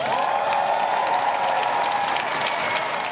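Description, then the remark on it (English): Sustained applause from a sizable crowd following a political speech, steady and dense throughout, with scattered claps standing out and a faint cheer or whoop riding on top. “Tradition dictates the applause doesn't stop when an arriving Prime Minister crosses Number 10's threshold for the first time.”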